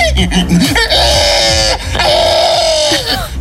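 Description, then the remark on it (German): A person imitates a pig's squeal as the winning squeal of the first Estonian pig-squealing festival: loud, shrill, strained squeals in two long sustained bursts, wavering in pitch, with choppy grunting sounds at the start. “Es ist der Gewinner des ersten Estländer Schweinequieken-Festivals.”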